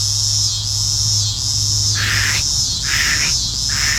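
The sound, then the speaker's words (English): A scissor grinder cicada sings a steady, high buzzing drone, then breaks into a pulsing, rasping rhythm of repeated grinding bursts, loud and continuous with no voices. “One of my favorites is the scissor grinder cicada.”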